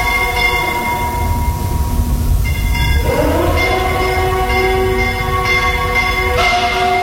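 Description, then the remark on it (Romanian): A low, droning foghorn siren sounds steadily in fog over a rumbling background, its tone swelling upward midway, while bells ring along with it throughout. No one speaks. “Sirena asta spălmântătoare și clopotele.”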